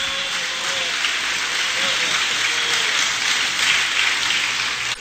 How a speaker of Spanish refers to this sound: Señor de señores, aplauda al Señor.